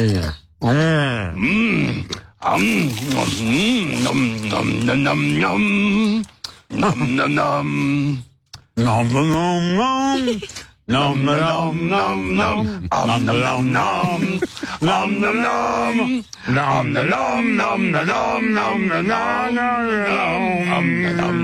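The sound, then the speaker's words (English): Harrison Ford and Cookie Monster hum the Indiana Jones theme together in a Sesame Street clip, a bold, marching melody with gruff, growly tones, while muffled chewing and munching of cookies mixes in, loud throughout. “but now a clip has been released of Harrison Ford and Cookie Monster humming the Indiana Jones theme together and eating cookies, and that's just about as wholesome as it gets.”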